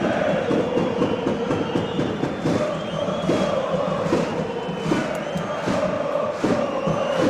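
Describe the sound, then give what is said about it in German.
A loud, dense football crowd at the Stadion An der Alten Försterei roars continuously 57 minutes into a Union versus Schalke match, while Schalke fans, many dressed in blue, clap in a steady rhythm, with cheering swelling over the sustained din and no single voice standing out. “Hört mal rein in die Stimmung im Stadion an der Alten Försterei.”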